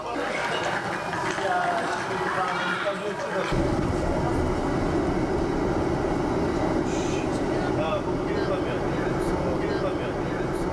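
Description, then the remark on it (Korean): A night train runs steadily along the rails, carrying members of a history expedition, a dense, continuous rumble that swells noticeably a few seconds in and stays loud, with voices talking over it. “고구려 역사의 숨결이 느껴지는 장소에서 밤기차를 타고 이동한 대원들.”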